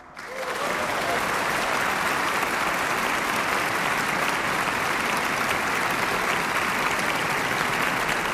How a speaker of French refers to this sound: le moment des applaudissements et des saluts? Les applaudissements, il faut savoir les vivre, en fait.